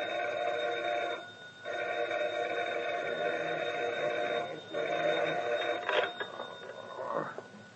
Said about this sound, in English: At dawn the next morning, the phone rings at McCurdy's home.